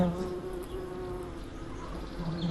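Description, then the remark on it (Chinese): A bee from a hornet's nest in a nearby tree buzzes in a steady, droning hum that carries through the whole moment, rising and falling slightly in loudness as it hovers, with no one speaking. “它不蛰人的，哪里来的蜜蜂啊？”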